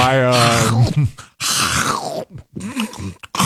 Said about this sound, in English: What are you biting into? What was that comically loud crunch that you did